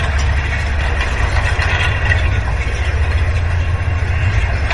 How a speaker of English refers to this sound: The wind was blowing these stalks of grass against the lower strand of the wire fence.